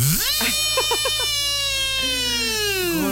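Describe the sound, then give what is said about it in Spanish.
A voice imitates a power drill with a sustained, buzzy whine that rises quickly, holds steady for about three seconds and slowly sinks in pitch, with a few brief stuttering bursts early on. “Otra vez el sonido del taladro lo haces muy bien.”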